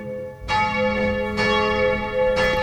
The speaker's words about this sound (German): Und das Glockengeläut kurz vor 12 Uhr kommt heute aus Altötting, aus der Stiftspfarrkirche St. Philippus und Jakobus.